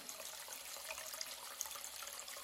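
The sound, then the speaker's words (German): Running tap water pours steadily into a plugged washbasin in a wash house, a continuous hissing splash with small bright droplet pops scattered throughout, fairly quiet, with no voices. “So, ein Stöpsel rein. Wasser ins Waschbecken.”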